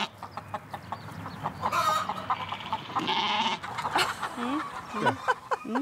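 A large flock of about 200 to 300 chickens clucks and squawks outdoors in a steady, overlapping chorus, with sharper calls rising now and then and a goat-like bleat mixed into the farmyard noise; sheep move among the hens.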